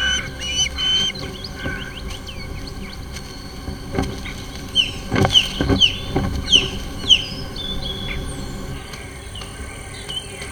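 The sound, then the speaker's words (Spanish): Osprey chicks squawk in a cluster of shrill, repeated cries begging for fish midway through, rising over a steady background hum of insects and faint outdoor ambience. “Y los polluelos de águila pescadora crecen rápido, exigiendo más y más pescado.”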